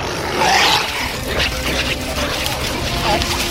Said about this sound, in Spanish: En la caverna del horno, los Morlocks enseñan sus dientes ensangrentados y aúllan.